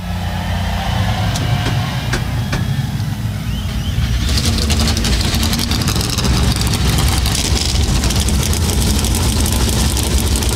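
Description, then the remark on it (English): A field of 38 NASCAR stock car engines starts up together at Darlington Raceway, South Carolina, for the Cookout Southern 500, a dense, loud rumble of idling motors that swells into a brighter, harsher roar partway through, continuous with no talking. “Start your engines.”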